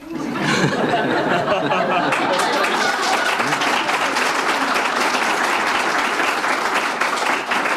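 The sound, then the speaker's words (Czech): A crowd of women claps steadily for several seconds, a dense sustained patter of many hands, with some murmuring and chuckles mixed in beneath it. “Začal jsi si povšimnout toho, kdo teďka tleskal? Ženy.”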